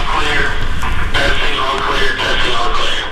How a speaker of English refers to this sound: Metro Health's new outpatient center wasn't quite finished when I toured a few weeks ago. Construction crews were testing the intercom system when we arrived.